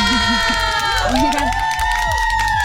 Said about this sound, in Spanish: Pido un aplauso porque lo dio todo. Fue un gran mix. ¡Bravo!